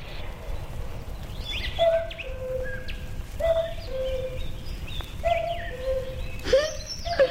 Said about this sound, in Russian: Кукушка! Кукушка! Сколько мне лет?